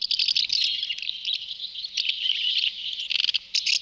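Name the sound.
common house martin calls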